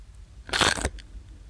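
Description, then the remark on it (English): A single sharp, brittle crunch of someone biting into a thin sour cream and chives potato chip, fairly loud, followed by a couple of faint crackles as it breaks apart, with no talking. “So that's the crinkle cut, and it goes up against the thin chip.”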